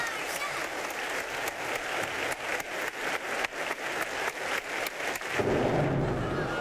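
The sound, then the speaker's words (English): A thunderstorm rolls in: a dense, steady roar like heavy rain fills the air, and a deep rumble of thunder swells underneath near the end. “Well, I guess the storm is here. Whoa! That's quite a storm.”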